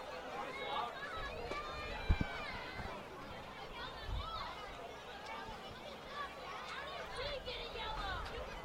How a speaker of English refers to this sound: And you hear the kids down there. There's a whole row of them sitting down on the railing. He just screamed, "Why did we get a yellow?"